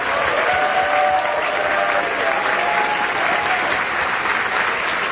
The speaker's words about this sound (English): As a point of personal privilege, I'd like for all the Rules and Bylaws Committee members to stand, and I ask humbly that the members give them a great round of applause.